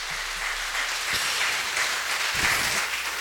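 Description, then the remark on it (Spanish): Steady applause from a crowd at a parish patron saint festival, a dense crackling wash of many hands clapping at an even, fairly loud level throughout, with no voices standing out. “Esta fiesta, el resultado es de todos y todos merecemos entonces un fuerte aplauso de esta fiesta patronal.”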